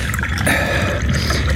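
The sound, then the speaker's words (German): Tea is poured steadily into a cup for a guest, a continuous trickle of liquid lasting a second or two at an even level, with no voices. “Gießen Sie unserem Gast doch bitte Tee ein.”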